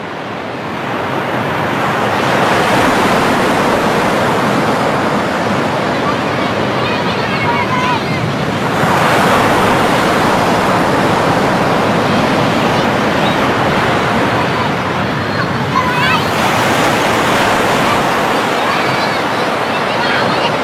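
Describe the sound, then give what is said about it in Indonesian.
Ocean waves break on a beach in a steady, loud roar, with fuller surges rolling in about every eight seconds, filling the whole scene with hissing surf. “Nalalu Mone Ari membawa perahu itu bermain di tepi pantai yang tidak jauh dari rumahnya”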